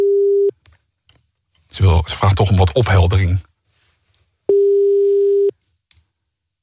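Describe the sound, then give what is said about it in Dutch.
A landline phone's ringback tone on an outgoing call: a steady one-second electronic buzz, then a woman speaking briefly, then a second identical ring tone, clear. “de telefoon gaat nu over.”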